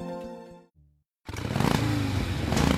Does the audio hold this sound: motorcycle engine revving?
yes